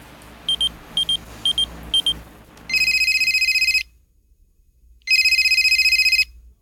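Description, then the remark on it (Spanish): A telephone rings: four short electronic chirps over a low rumble, then two long, loud warbling rings separated by a pause of silence. “Oye, van como 3 veces que te marco a Viper y no contestas.”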